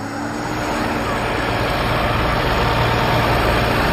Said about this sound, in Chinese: 忙着组织农机合作社的年轻人们，开着拖拉机到地里。